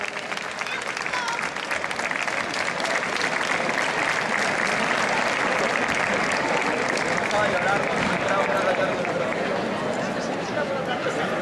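An audience in Leganés applauds steadily for several seconds for the town's mayor and municipal corporation and officials of the Diputación de Cáceres, a dense wash of clapping hands at even loudness, with faint crowd chatter mixed underneath.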